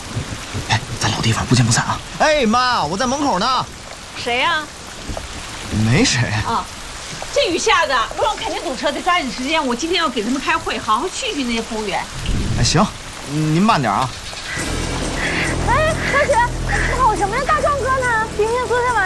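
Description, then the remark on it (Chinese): Heavy rain pours steadily throughout, with low rumbles of thunder rolling in now and then, while voices talk over the downpour. “啊，这雨下的，我让肯定堵车，得抓紧时间”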